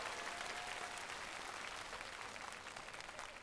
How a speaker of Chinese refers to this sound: 来，掌声再次给他们。 谢谢两位的表演。